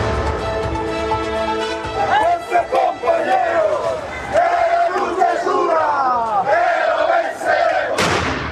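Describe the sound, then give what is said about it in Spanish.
The protest march of the Central Obrera Boliviana arriving in La Paz, Bolivia, amid firecrackers, chants slogans loudly, many voices shouting together in a rising, rhythmic pattern, with a sharp burst near the end. “Con petardos y consignas llegó a La Paz la marcha de protesta de la Central Obrera Boliviana”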